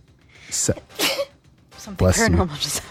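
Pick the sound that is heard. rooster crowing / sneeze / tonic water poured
sneeze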